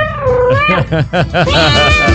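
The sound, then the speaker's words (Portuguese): A person mimics a cat's meow, drawing out a wavering, nasal mew followed by several shorter rising and falling meows in quick succession, loud. “Não, aí você tá miando, ué.”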